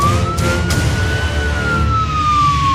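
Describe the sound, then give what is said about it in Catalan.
A police siren sound effect wails loudly in one slow rise and fall, its steady tone over a dense rumble of background noise. “Soc la policia de l'ortografia.”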